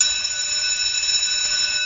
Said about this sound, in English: Did you have like a recess bell or a recess tone? We had a bell.